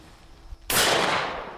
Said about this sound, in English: On a clear Sunday morning, members of the Gooderham Century Gun Club gather in a field. The sound of birds is soon replaced by the sound of shotguns.